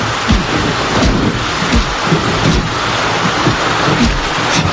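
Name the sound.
rain falling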